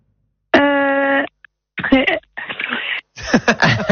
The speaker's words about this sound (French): Non, je crois qu'on va mettre le buzzer. On va passer sur un autre morceau.